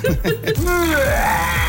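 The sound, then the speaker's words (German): A gurgling, retching comic vomiting sound from an Ottifant figure that plays when a button on it is pressed and also squirts water, with wavering pitch and a throaty, burp-like rumble lasting under two seconds. “Ja, einmal oben an dem kotzen Ottifanten. Das ist ein Ottifant. Da drückt man drauf und dann kommt da Wasser raus und dann macht der gleichzeitig.”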